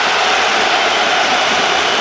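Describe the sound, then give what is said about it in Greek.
A basketball arena crowd boos as Sasha Vezenkov takes free throws in an Olympiacos versus Panathinaikos game, a loud, steady, unbroken roar of disapproval that holds at the same level throughout, with no clear voices standing out. “Ακούτε και τις αποδοκιμασίες.”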